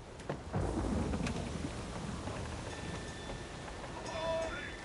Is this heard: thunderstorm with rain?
yes